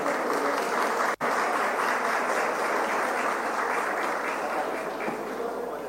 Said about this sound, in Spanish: Un fuerte aplauso para recibir al señor Jorge Srur